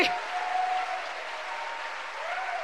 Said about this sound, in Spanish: ¿Cuánto le dan un aplauso a la majestad de Dios, a la gloria de Dios que está aquí?